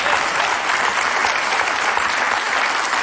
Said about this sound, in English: We applaud, but in all reality, folks, this is not a dramatic announcement.